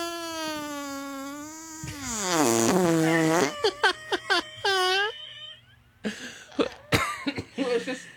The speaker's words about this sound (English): That was just an excuse for us, really, to play some fart noises. Play that one again.